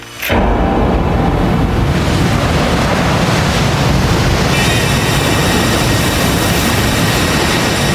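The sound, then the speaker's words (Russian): Stormy sea waves crash and roar continuously and loudly at night during a storm, with a steady rushing wash and gusting wind layered over the surf. No voices are present. “Ночью разразился шторм. Казалось, море бушует под самым балконом.”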